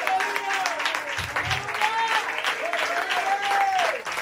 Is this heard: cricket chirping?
no